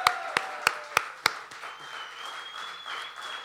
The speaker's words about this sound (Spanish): Fuertes aplausos.